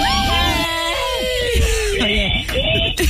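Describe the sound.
A crowd of voices screams together at once on the radio show Mañanas Máximas, loud, with overlapping shrill pitches rising and falling for a few seconds before trailing off.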